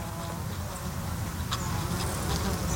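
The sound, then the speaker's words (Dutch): Bees and bumblebees hum steadily over flowering water mint at De Mui on Texel, a dense, continuous buzzing swarm with a few brief brighter clicks or rustles, no voices. “Ook veel vlinders die daar fourageren, maar het zijn natuurlijk de bijen die zich laten horen.”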